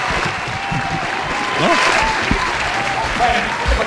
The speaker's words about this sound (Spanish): ¡Un aplauso para …!